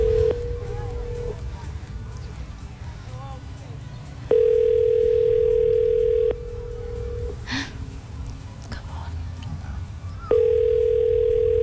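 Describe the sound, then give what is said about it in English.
A telephone ringback tone purrs in steady bursts, each lasting a second or two, separated by pauses, as an outgoing call rings unanswered over a low background hum. “Okay, can we make a call?”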